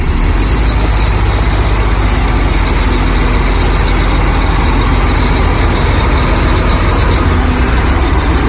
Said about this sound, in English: We continue on to Punta Delgada to cross the Magellan Strait. The very south of the continent is a collection of islands, Tierra del Fuego. And to get to Isla Grande de Tierra del Fuego, we drive onto a ferry.